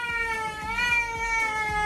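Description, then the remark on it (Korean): A cat at home lets out one long, loud yowl that holds steady for the whole moment, its strained, siren-like wail wavering slightly in pitch without a break. No one speaks. “한번 터졌다 하면 그칠 줄 모르는 사이렌이다.”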